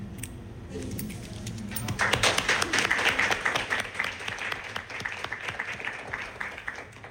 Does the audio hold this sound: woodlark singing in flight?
no